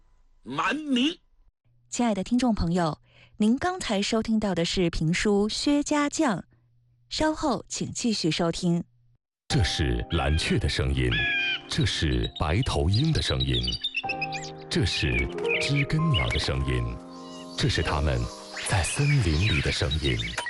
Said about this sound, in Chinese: 这是蓝雀的声音，这是白头鹰的声音，这是知更鸟的声音，这是他们在森林里的声音。您所听到的是通过录音技术保留下的声音。